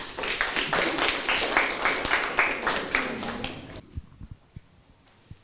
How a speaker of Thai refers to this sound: เดี๋ยวคุณครูจะขอเชิญกลุ่มถัดไปออกมานำเสนอให้กับเพื่อนๆห้องปลายทางได้รับชมไปพร้อมๆกันนะคะถ้าพร้อมแล้วขอเสียงปรบมือให้กลุ่มที่3ค่ะ